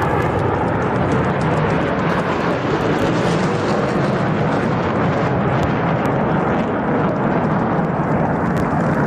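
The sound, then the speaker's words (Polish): Loud, continuous roar of the first Polish F-35 fighter jets' engines as they arrive at the military air base in Łask near Łódź, Poland, a dense rumbling blast that holds steady for the full length, overpowering, with no voices. “Ostatecznie samoloty wylądowały właśnie w bazie wojskowej w Łasku niedaleko Łodzi.”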